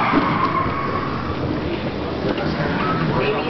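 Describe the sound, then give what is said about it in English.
A ride vehicle brakes and skids with a steady, loud grinding rush and faint squealing tones running the whole time, continuous without pause. “Get the brakes and see if I can steer you through. Hold on. Braking!”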